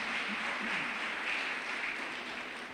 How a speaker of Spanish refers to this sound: ¿Cuánto lo podemos creer, iglesia? Dele ese fuerte aplauso a nuestro Rey Celestial.